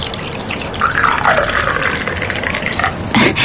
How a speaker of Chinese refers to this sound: 倒是惠子找到了回家的感觉，把炉子上吱吱响的开水掺了，又找来茶具给李正和陈家湖泡了茶。